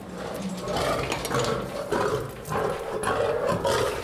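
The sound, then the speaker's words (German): Lions roar and growl as they are let out, in a run of deep, rumbling bursts that overlap and repeat for several seconds, loud, with no talking. “Dann kann der Löwen jetzt rauslassen.”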